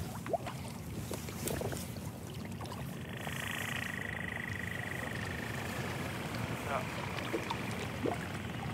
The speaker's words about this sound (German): Also es gibt ja verschiedene Lärmquellen, wie, also wir haben jetzt die Boote gehört, die sind eigentlich immer da.